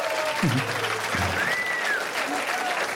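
A crowd applauds steadily, a dense, continuous wash of clapping that stays loud and even throughout, with a few brief tonal sweeps and low thumps mixed in.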